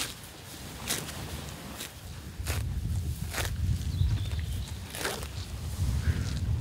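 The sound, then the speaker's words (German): Cows grazing on pasture at the Zierker See, tearing off grass with herbs, clover and dandelion in it, with a series of short, crisp tearing and ripping bursts at irregular intervals over a steady low rumble of chewing and movement. No one speaks. “Das sind doch schöne Geräusche, wie so Kühe das Gras abrupfen.”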